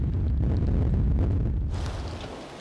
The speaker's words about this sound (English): The winds have already reached storm force 8. The conditions are extremely bad. They could be even worse, but they're already borderline.